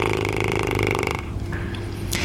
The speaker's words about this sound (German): Das ist das ganz berühmte Lippenflattern. Wenn wir einfach die Lippen ganz locker lassen und Luft durchpusten, haben wir erstmal ohne Ton ein ganz normales.